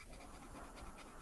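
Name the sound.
dog panting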